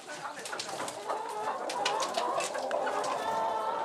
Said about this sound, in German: Jetzt schnell in den Stall. Auf die unternehmungslustigen Hühnerdamen passt jetzt erst einmal der schwarze Hahn auf.